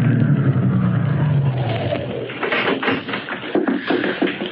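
A large limousine's engine rumbles as it drives up to the only entrance of the Greystone estate grounds and slows, giving way to scraping, crunching noises as it comes to a stop. No one speaks.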